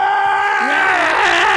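A single loud, sustained human scream from a dungeon, strained and wavering slightly in pitch, held for over a second with nothing else sounding around it.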